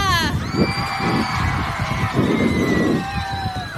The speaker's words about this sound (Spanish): Entonces, quiero un muy fuerte aplauso para Mira.